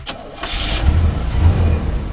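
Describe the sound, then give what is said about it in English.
A car engine cranks briefly and catches, then settles into a steady, rumbling idle with a low throbbing hum for the rest of the moment. “The great sound of your car running right.”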